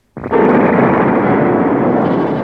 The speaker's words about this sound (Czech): V tu chvíli otřásl hradem mohutný výbuch. Hrad se otřásl v základech a hlavní věž se zřítila. Jak se to mohlo stát, když stroj měl vybuchnout až za 30 minut?